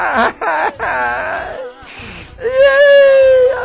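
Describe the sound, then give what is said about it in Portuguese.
A voice mock-cries in exaggerated whimpers and sobbing wails, wavering up and down, then breaks into a long, loud, drawn-out whine near the end. “Vivo chorando.”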